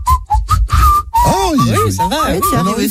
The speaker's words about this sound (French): Attends, alors, moi, je suis pas le meilleur siffleur du monde, mais bon.